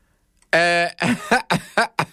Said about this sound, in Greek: Να βήξω